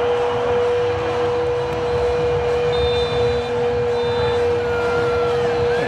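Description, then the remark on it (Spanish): A dense, steady stadium crowd roar at a football match between Switzerland and Bosnia, broadcast live from Los Angeles, fills the whole stretch over a constant low hum, with two short, thin, high-pitched final whistle blasts midway through. No one speaks. “Tenemos nosotros el sonido ambiente de esa cancha, ¿no? Es lo que estamos escuchando.”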